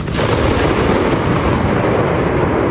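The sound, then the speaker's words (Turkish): A sudden, powerful explosion bursts in, then rolls into a sustained, heavy rumbling roar that stays loud for several seconds, with no voices. A missile strikes the waiting lounge of King Khalid International Airport in Riyadh, Saudi Arabia. “Güvenlik kameralarına yansıyan anlarda patlamanın yol açtığı dehşet ve yolcuların can havliyle kaçışması saniye saniye görüldü.”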